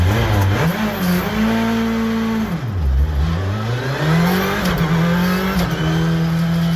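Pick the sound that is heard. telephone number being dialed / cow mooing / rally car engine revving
rally car engine revving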